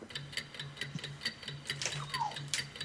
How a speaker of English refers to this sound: Just as your alarm was going off.